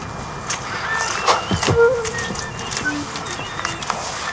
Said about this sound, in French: On entend le cri de la mésange derrière. Bon, là, il n'y a pas encore beaucoup de chants, mais... Mais c'est plutôt des cris.